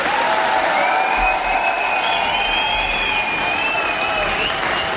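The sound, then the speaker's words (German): Sustained applause from a theatre audience at a performance of Jedermann at the Reichshof in Bayreuth, recorded the previous year: a steady dense wash of clapping at even loudness for the full length, with faint whistle-like tones and murmuring voices mixed in. “Und das könnte euer Applaus sein.”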